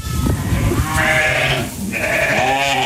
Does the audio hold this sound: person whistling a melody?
no